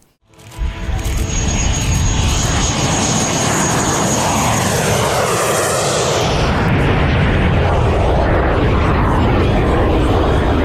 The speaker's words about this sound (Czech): Nad Chebem bylo pořádně rušno. Oblohu ovládly burácející motory, akrobatické manévry i legendární stroje, které se jen tak nevidí.